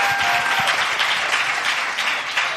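An audience breaks into steady applause after a quiz contestant gives a correct answer, a dense, even wash of many hands clapping at once, sustained at a fairly loud level throughout with no voices standing out.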